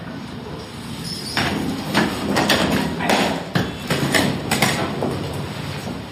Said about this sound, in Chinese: A 座是吧？ 开门。